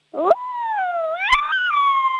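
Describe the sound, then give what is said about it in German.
A person imitates an angry wolf howl, a sustained wavering tone that rises in pitch and then holds, with a harsh, menacing edge and two brief rough bursts, fairly loud. “Okay, und jetzt mach noch einen bösen Wolf draus.”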